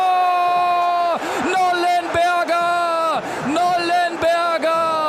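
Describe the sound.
A loud stadium crowd cheers after a goal giving 1. FC Magdeburg a 1:0 lead against VfL Osnabrück, a dense sustained roar of many voices with chant-like swells that rise and briefly dip several times throughout.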